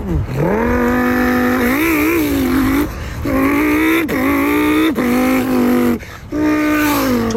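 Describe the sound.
A man's voice imitates a Lamborghini Huracan launch control: a loud, buzzing engine roar that revs up and surges through several quick gear-shift breaks over about seven seconds.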